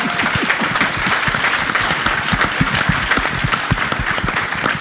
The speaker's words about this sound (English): Clap for that. Yeah, give it up.